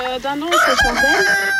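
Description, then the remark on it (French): A hen clucks loudly on a farm in Haraucourt in the Ardennes, France, a short run of squawky, warbling calls rising and falling over about a second and a half, with no voices. “plus question de manger les œufs de leur poule.”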